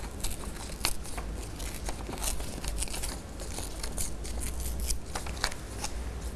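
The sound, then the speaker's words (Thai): Coloured paper being torn slowly by hand into an animal shape, a continuous rough ripping with crackly bursts and brief pauses, fairly quiet, with no voices. “ใช้มือนะคะค่อยๆฉีกกระดาษค่ะ”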